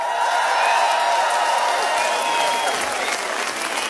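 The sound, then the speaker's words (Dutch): A crowd applauds loudly and steadily, dense clapping filling the whole stretch with scattered cheers and whoops rising above it, never pausing or fading. “Geef dat zo'n één groot applaus.”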